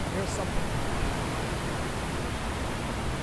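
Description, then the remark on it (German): A steady, dense rush of water falling down on all sides into a deep square pool of the memorial fountains at the former World Trade Center site, a continuous roar with no breaks or distinct splashes standing out. “Wasser fällt an allen Seiten nach unten in ein tiefes Becken.”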